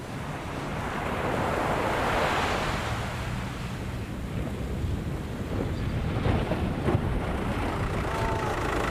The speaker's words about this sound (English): The beaching must be timed very carefully. The breaking rollers threaten to overturn these small craft at any moment.